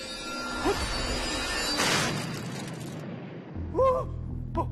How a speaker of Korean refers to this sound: 주먹 로켓이 폭파했어!